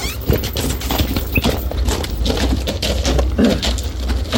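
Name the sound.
horse hooves clip-clopping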